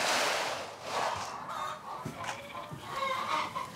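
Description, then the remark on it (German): A flock of some 200 to 300 chickens in a coop clucks and squawks continuously, overlapping calls making a busy chatter, with no one speaking. “Wie viele Hühner sind denn das hier? Das sind knapp 300, nicht mehr 300, ne?”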